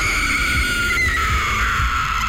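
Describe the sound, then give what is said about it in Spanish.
The ghostly wailing cry of La Llorona, a woman's loud, sustained high-pitched tone that wavers and slowly slides downward in pitch, with no talking over it. “dimos cuenta del por qué el llanto de la llorona.”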